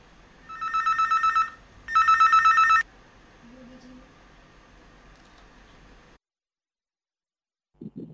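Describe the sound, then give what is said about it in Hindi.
A telephone rings twice with incoming-call bursts, each a rapid warbling trill lasting about a second, fairly loud over a faint background hiss, followed by quiet and a brief low sound at the end. “और भैया देखो इधर हमने फ़ोन नंबर बताया और इधर भैया एक कॉल आ गई, तो कॉल किसकी है?”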